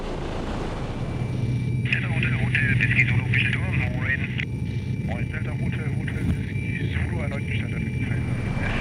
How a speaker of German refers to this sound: Kurz nach 14 Uhr verlässt der Hubschrauber den Startplatz im Industriegebiet Kaisersesch.